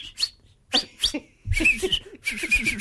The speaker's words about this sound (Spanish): Perdón, el árbitro tocó el silbato. Sí. Sonó más como el colectivo, ¿viste? Cuando hay la bocina.